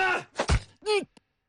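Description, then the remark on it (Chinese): A dull, heavy punch thuds into the body of a man who stepped forward to take it, followed at once by his strained, pained groan, then a brief grunt before silence. “你虽无辜，但竟然要站出来，那便受这一拳。”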